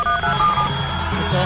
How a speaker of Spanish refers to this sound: ¿Dónde está el efecto especial acá? Ahí sí. Teléfono.